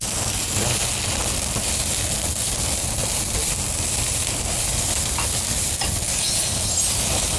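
Food sizzles steadily in a hot wok while being stirred, a loud, continuous frying hiss with scraping, shuffling movement running underneath throughout, without voices.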